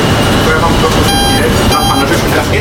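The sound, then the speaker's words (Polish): A tram reverses, driven from its rear control desk, under a steady, loud mechanical rumble, with two short bursts of high, piercing warning tones partway through. This is at the MPK tram depot in Kraków's Podgórze during a tram Children's Day. “To kolega nam cofnie z tylnego pulpitu, ja mu tam oddałem, można powiedzieć, kontrolę nad pojazdem i on będzie wykonywał manewr cofania.”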